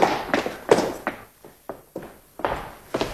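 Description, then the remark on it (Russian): Heavy stomping footsteps thud, about nine hard impacts in a quick, slightly uneven rhythm with a brief lull in the middle, and no voices. “Я слышал топот.”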